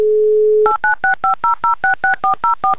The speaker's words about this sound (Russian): мы набрали ваш номер. Надеюсь, телефон у вас где-то рядом.